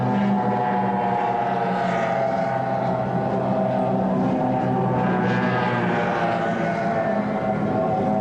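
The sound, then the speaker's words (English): Offshore racing powerboats roar during the first of two six-lap heats of the 1994 National Offshore Championship in Galveston, Texas: several powerful motors layered in a steady, dense drone at constant loudness for the whole stretch, with no voices. “As we said, half of the points that these boats accumulate in these two heats will go towards the final event in this 1994 National Offshore Championship here in Galveston, Texas.”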